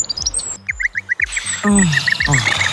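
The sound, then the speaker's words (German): Birds call busily outdoors in a park, with rapid bursts of short repeated chirps layered over lower, descending calls. The sounds are lively, with no talking. “Tatsächlich, Vogelgezwitscher kann uns Menschen richtig gut tun.”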